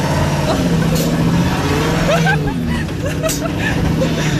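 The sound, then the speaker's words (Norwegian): A car engine drones steadily with a low, rumbling roar and some rattling road noise as the car drives up a steep gravel road into the mountains, while faint voices murmur underneath. “Herregud, nå kjører vi på en grusvei.”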